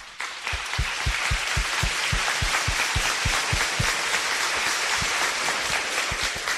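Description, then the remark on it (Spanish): An audience at a church service breaks into sustained applause for seminarians returning to their seminaries, a dense wash of clapping that fills the whole clip, with steady rhythmic thumps pulsing underneath. No one speaks. “Calémosle un fuerte aplauso.”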